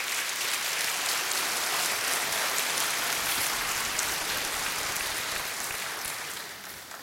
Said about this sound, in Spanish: Dale palmas al Señor.